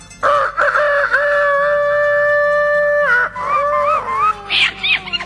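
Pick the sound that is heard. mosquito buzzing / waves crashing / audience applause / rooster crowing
rooster crowing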